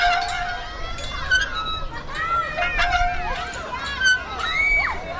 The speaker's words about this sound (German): Die Schaukel quietscht, auf der Rutsche rattert gerade jemand runter und hinten auf der Wiese wird Fußball gespielt.